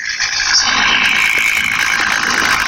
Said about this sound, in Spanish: Bomberos, hay 4 carros de bomberos. Llegando 8 carros más.